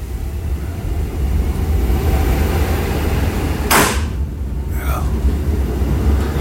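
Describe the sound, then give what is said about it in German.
An old train in Warsaw rumbles steadily with low, heavy noise, broken by a loud hissing wheeze of air and a brief creaking squeal shortly after, then the rumble carries on. “Schnauft, krächzt und krachtet noch so richtig.”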